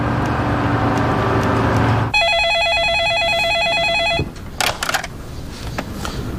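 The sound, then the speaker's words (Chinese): An electronic telephone ring trills loudly and rapidly for about two seconds after a low steady hum during an outgoing phone call, then cuts off into a few clicks and quieter background noise, as if the line is picked up. “对，我呀，我给金志打个电话，我让他准备钱啊。”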